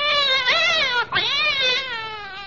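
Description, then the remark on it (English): A cat yowls in two long, wavering cries with a brief break between them, loud, the pitch sliding up and down in a drawn-out, complaining caterwaul. “I wish you wouldn't use a cat's tail as a pipe cleaner.”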